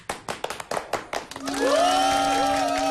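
A short burst of scattered clapping from a small audience, about a dozen uneven claps, fades into the sustained, reedy harmonica notes of a song's intro, holding steady and bending upward.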